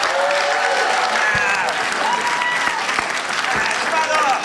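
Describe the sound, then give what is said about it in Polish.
Sustained applause from a large audience welcoming a performer in a show recorded in Radom in 2020, dense steady clapping at a loud level, with a few whoops and shouts rising above it. “wielkie brawa!”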